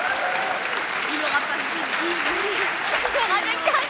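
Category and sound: crowd, warm audience applause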